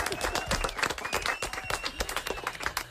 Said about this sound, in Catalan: Fort aplaudiment